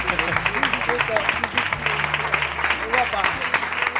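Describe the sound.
A crowd applauds steadily throughout, a dense, loud rush of clapping with voices and cheers mixed in underneath.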